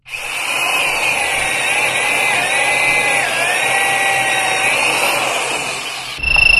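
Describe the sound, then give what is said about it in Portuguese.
An electric drill whirs steadily and loudly for about six seconds, its high motor whine wavering slightly in pitch before cutting off abruptly. “Agora pega a furadeira, né, no ouvidinho, agora que ele tá caído aqui, ó.”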